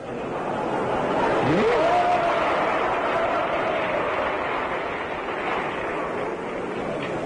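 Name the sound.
audience applause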